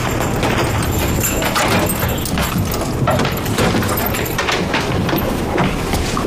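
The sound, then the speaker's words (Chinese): A bunch of keys jangles and clinks for several seconds, with a steady run of small metallic rattles and clicks as a lock is worked open. “好，好，来，慢点，来，来，来，这把钥匙。”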